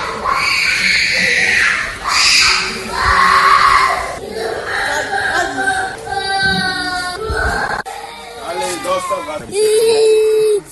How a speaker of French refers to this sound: Cris, des lames. Des refus de rester en classe.